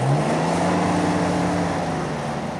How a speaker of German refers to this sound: Mit unserem Geländewagen donnern wir über die schnurgerade, aber wellige rote Piste.